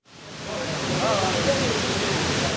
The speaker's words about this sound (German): Dort, wo einst die Zwillingstürme des World Trade Centers standen, erinnern zwei gewaltige quadratische Wasserbecken an die Terroranschläge. Wasser stürzt an den vier Seiten ununterbrochen fast 10 Meter in die Tiefe.